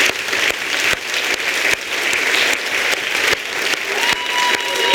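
Sustained audience applause, a dense, steady wash of many hands clapping at an even loudness for about five seconds, with a faint tonal whistle or feedback ring near the end, after a poet's first performance at a poetry slam.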